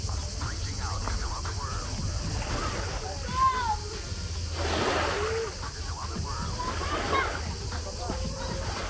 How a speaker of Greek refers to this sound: Οργανωμένη παραλία, μικρή παραλία, βολική παραλία, όμορφη παραλία, σωστές ξαπλώστρες, μπιτσόμπαρο.